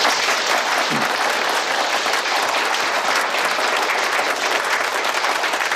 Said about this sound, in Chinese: 接下来呢请马书记发言，大家掌声欢迎。